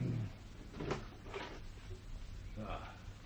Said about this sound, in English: Well, open the door.